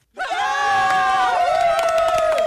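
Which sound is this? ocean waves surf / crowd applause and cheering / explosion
crowd applause and cheering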